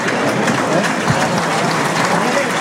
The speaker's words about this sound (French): Applaudi, soutenu par le public. Des arènes du Parc Théodore Denis, ici Gascogne avec vous.